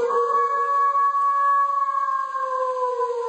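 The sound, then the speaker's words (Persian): A wolf's long, steady howl holds a clear tone and slowly slides lower in pitch. It is loud, lasts a few seconds, and no one talks over it. “میخواییم یه سفری کنیم در دنیای گرگ ها.”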